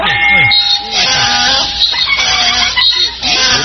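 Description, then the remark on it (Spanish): A donkey brays loudly, a harsh, raspy hee-haw repeating in rhythmic gasping cycles for a few seconds, with no talking over it. “póngale un burro primero. Pongo un burro primero.”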